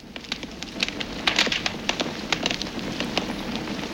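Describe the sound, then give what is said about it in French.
A log fire crackles steadily, with a dense hiss broken by many sharp, irregular pops and snaps of varying loudness. No voices are heard. “Alors, ça craque, ça fait plein de toutes petites explosions. Ça serait pas, tu sais, celui qui dévore les bûches dans les cheminées.”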